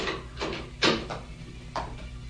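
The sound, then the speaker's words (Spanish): Several sharp knocks on a door, uneven in spacing and strength, with one louder rap in the middle, over a low steady hum. “Los toques en la puerta hicieron reaccionar al general Clark.”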